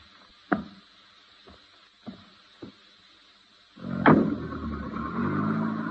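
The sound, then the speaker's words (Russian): A few dull thumps of a car door closing, then an engine starts up and keeps running steadily as the car pulls away, moderately loud. “Машина вас ждет.”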